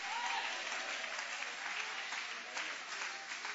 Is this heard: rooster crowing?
no